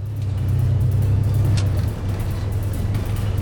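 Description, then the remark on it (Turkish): A car pulls out onto the road, its engine a loud, steady low rumble throughout, with a brief high squeak partway through. No one speaks. “Pekala, araba yola çıktı.”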